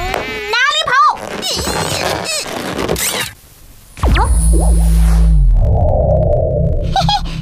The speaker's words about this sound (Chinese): 原来只是一群蚊子。